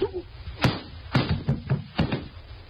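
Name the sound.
slap across the face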